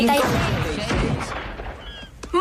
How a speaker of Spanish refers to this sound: ¡Eso han sido disparos! ¡No son como los de las películas de guerra! ¡Son disparos de verdad!